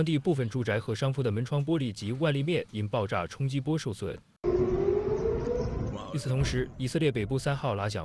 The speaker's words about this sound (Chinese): 与此同时，以色列北部3号拉响防空警报，以军当天称一个从黎巴嫩越境进入以色列领土的可疑空中目标已被拦截，因担心拦截碎片坠落以及火箭弹或导弹袭击而启动了防空警报。